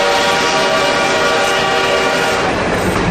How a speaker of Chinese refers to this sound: 火车来了，这是杭州到嘉兴铁路开通的第一天。此刻不知蒸汽机车的轰鸣给这个男孩带来了多大的震撼。